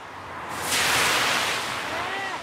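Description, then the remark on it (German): A car passes on a street soaked by a water sprinkler, its tires throwing up a loud, rushing hiss of spray that swells quickly, holds, then slowly fades. No one speaks. “Dieses Auto kam jetzt, um euch zu demonstrieren, wie nass die Straße ist.”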